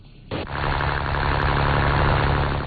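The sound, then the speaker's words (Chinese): A fishing boat motor in the Sanyueyazhou central fishing port starts at 7 a.m. It kicks in abruptly after a brief quiet moment, then runs at a steady, loud drone with a rumbling low hum. The boat is setting out to a deep-water fish cage farm 7 nautical miles out at sea. “三月牙洲中心渔港内，马达声响起，”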